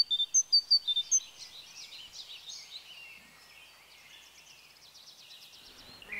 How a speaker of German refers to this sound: Und so klingen Blaumeisen.